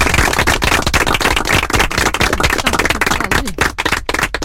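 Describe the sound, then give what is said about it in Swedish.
A loud, dense burst of applause from many hands, a steady crackle of overlapping claps that thins slightly into sparser claps near the end, with no voices. “Nu var det som så att det var massa applåder här också.”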